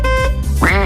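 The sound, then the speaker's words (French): A loud duck quack sound effect, used in a game to mask words in song excerpts: a brief nasal honk followed by a rising, buzzy second quack, played alone with no talking. “Vous savez, je vous fais écouter un extrait de chanson et vous devez retrouver les mots masqués par tutute et coin-coin. Ça fait comme ça.”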